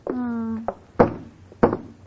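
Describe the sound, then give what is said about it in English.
Knuckles rap on a wooden lifeboat three times at an uneven pace, each knock short and fairly loud, following a brief sustained humming tone at the start. “Lady, will you please stop knocking on those lifeboats?”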